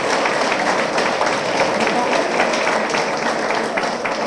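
A crowd applauds a group of volunteers steadily, many hands clapping in a dense, even wash of sound that holds at a constant loud level throughout, with no voices standing out.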